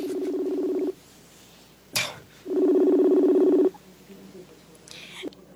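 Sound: cellphone dialing tones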